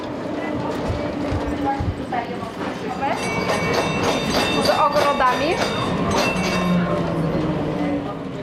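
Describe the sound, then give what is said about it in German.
A tram running on rails of a city tram network more than 140 years old, one of the oldest in Europe, while a tour guide talks: a steady, loud rumble with rattling clacks and high metallic squeals and whines rising over it, with indistinct voices murmuring underneath. “Unterwegs auf den Schienen, die über 140 Jahre die Stadt verbinden.”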